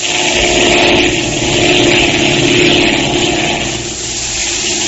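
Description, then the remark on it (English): A steady propeller plane engine drones loudly and continuously in flight, a dense rumbling hum with slight swells in intensity, with no voices over it. “At just that moment, the pilot discovered that the undercarriage of the plane had been tampered with, that it was impossible to lower the landing wheels.”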